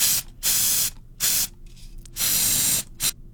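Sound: spray paint can spraying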